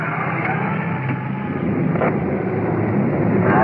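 A big fire pumper truck running code 3 rolls past a car pulled over at the curb, its deep engine drone and broad road noise holding at a constant loudness throughout, with no voices.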